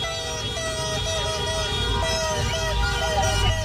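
A car horn honks in a repeated rhythmic pattern of short and longer blasts, steady in pitch, over a constant wash of street and crowd noise, outside the Ecuador Hotel, where Mexican fans surrounded the hotel overnight with horns, loudspeakers and motorcycles before the game.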